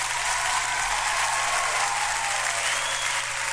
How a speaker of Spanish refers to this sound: Ahí está, nuevo auspiciador, démosle un aplauso, mi querido compañero.